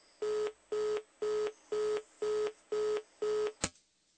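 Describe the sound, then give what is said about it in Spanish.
A telephone line tone beeps seven times in an even, steady rhythm, like a busy signal on a failed call, then cuts off with a sharp click. No one speaks. “Bueno, quién sabe qué le pasará al teléfono de Javier.”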